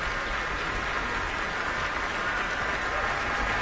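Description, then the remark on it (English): A large audience at Powell Hall in St. Louis applauds the St. Louis Symphony Orchestra, invited to rise, steadily, thousands of claps blending into a dense, even roar that holds at the same level throughout, with no voices standing out. “She's invited the orchestra to rise and is gesturing towards each section, redirecting the applause toward the orchestra.”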